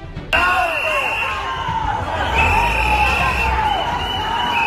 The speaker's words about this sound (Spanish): Entre abucheos y gritos de cobarde, Marlaska defendió en Ceuta la actuación de las fuerzas de seguridad y anunció nuevos refuerzos policiales.